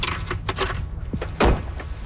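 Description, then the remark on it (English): The front door of a house up a mountain opens on a rainy day: a few rattling clicks of the latch and handle, then a solid, heavy thump partway through, over a steady background hiss. “A woman in her 30s, dressed casually in stretchy black pants and a cardigan, welcomes us at the door.”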